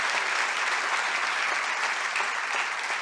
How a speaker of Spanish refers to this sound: Dale el aplauso al rey. Oh, gloria a Dios.